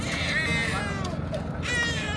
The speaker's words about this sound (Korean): 구조대의 손길에 다시금 세상 빛을 보게 된 생후 9개월 아기의 울음소리가 선명합니다.